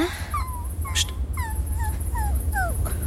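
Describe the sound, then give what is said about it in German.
A dog on a path whimpers in a series of thin, high, falling whines, repeated about six times in quick succession, over a low steady rumble. “Ein Winseln. Ja, jetzt höre ich es auch. Hier, auf dem Weg. Ein Hund.”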